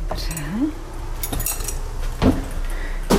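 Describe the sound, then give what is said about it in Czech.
Keys jingle and metal clicks as the lock of a thatched-roof cottage door is worked on a hot summer day, followed by a couple of sharp knocks and clunks as the door is pushed open, with a brief vocal sound early on. “Otevřu vám dveře do chaloupky a vy sama zjistíte, jaká je asi teplota vevnitř.”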